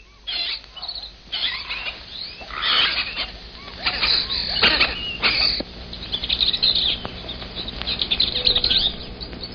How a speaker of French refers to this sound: Vous entendez, ce ne sont pas les sifflements d'un policier, ce sont simplement les cris des perruches apprivoisées que l'on trouve souvent dans les rues de Cusco et qui sont une de ses marques originales.